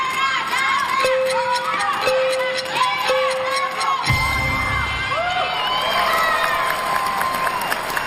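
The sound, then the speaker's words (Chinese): A whole arena crowd cheers loudly and continuously as Donghui Garden Primary School wins the championship, young voices shouting throughout, with three short beeping tones early on and a deeper rumbling swell joining the roar about halfway through. “这个冠军稳了， 会听到全场的欢呼声。”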